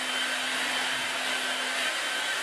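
A hair dryer blows steadily, a continuous airy whoosh with a faint motor hum underneath, holding an even level from start to finish with no voices.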